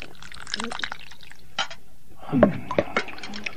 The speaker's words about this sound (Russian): Ну что ж, налей-ка мне тарелку пополнее.